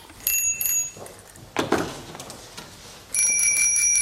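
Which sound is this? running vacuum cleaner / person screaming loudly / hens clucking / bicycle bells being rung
bicycle bells being rung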